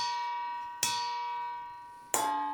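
A long wooden spoon strikes a metal pasta colander twice, about a second and a half apart, each hit giving a bright clang with a lingering bell-like ring that decays slowly, imitating church bells calling people to a mass.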